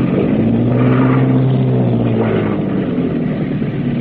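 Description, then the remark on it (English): A boat engine runs hard in reverse while the boat docks at a wharf in the rain: a steady, loud engine drone with a low harmonic hum, holding a constant throaty rumble for several seconds with no voices. “All back full.”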